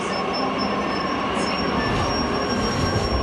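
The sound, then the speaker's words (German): A train to Berlin rolls into a main railway station with a steady, loud rumble, its wheels letting out a thin, high metallic squeal that rises and holds throughout. No voices. “Es standen viele Menschen an den Gleisen und auch der Zug nach Berlin war voller als voll.”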